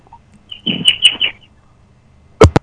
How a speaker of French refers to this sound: Oh, les petits oiseaux qui chantent derrière,